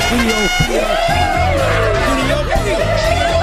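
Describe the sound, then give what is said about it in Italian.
A loud, dense crowd of many people cheers and whoops continuously, with many overlapping voices shouting and calling out at once, energetic throughout. “Ammazza, quanta gente oggi! Guarda quanta gente!”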